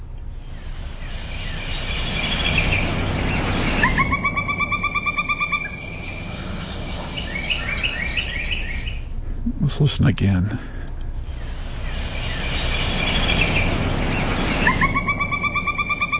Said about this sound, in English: One more honorable mention, number 13, the pileated woodpecker.